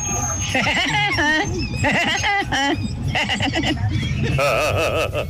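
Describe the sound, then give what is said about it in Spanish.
A voice imitates the laugh of the cartoon Woody Woodpecker (el Pájaro Loco), performed as a hidden talent: loud, rapid staccato bursts with a warbling pitch that swoops up and down, repeated in several quick runs. “Mi talento oculto Tropicana es ser como el pájaro loco.”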